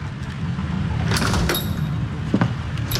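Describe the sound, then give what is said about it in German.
A door opens with a few sharp clicks and a brief high squeak, set against a steady low rumble of background noise, with no one speaking. “Und als wäre das alles nicht genug, trat irgendwann die schlimmste aller Hexen durch die Tür.”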